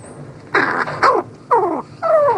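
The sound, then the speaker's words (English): A crow's soft, close-range courtship song: four short, throaty calls with rough growling tones and sliding, falling pitch, separated by brief pauses, with no talking. “Instead, they sing softly and at close range during courtship, with a rich mix of soft cooing, rattles, growls, bowing movements, and mutual nuzzling.”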